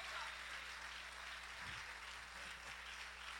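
An audience applauds the Lord during a worship service in a steady, dense wash of overlapping hand claps, sustained and even in loudness, with a faint low hum and a brief murmur of voices underneath.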